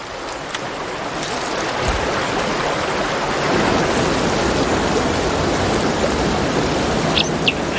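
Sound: waterfall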